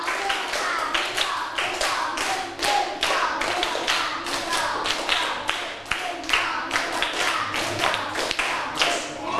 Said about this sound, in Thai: ถ้าพร้อมแล้วปรบมือ5ครั้งไม่พร้อมกันปรบมือ1ชุด